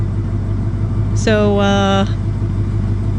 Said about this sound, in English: So we thought we'd start this set off with a little idling engine and then get right into the music.